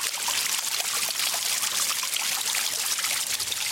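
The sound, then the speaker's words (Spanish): Water trickles steadily from a village fountain, a continuous bright splashing and dribbling with no pauses, moderately loud, with no voices present. “La fuente más importante del municipio es la Fuentecilla, pero la del Arroyo y el Corcho también tienen y tuvieron su importancia y, por supuesto, su historia.”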